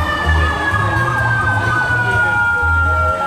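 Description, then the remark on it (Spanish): A fire engine siren wails steadily as the firefighters' truck asks to pass through traffic in the area of Independencia and Las Heras streets, its high tone gliding slightly over a deep engine rumble and bursts of low horn-like blasts. “Son los bomberos. Los bomberos pidiendo pasar justo por el sector.”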